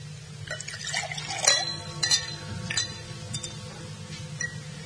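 Liqueur glasses clink a few times at irregular intervals as liqueurs are poured and served, bright little taps over a low, steady background hum, with no one speaking.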